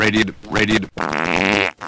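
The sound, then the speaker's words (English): A voice does Walter Cronkite's impression of the South American farting frog: two short, croaky, warbling vocal bursts, then a sustained buzzing raspberry-like fart noise lasting most of a second, loud. “And now Walter Cronkite will amuse us with his impression of the South American farting frog.”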